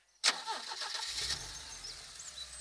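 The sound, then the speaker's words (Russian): A car engine cranks and catches with a sharp burst, then settles into a steady low rumble as the car pulls away on a detour around the Staritsa, fairly loud, with no voices. “тронула машину в объезд Старицы.”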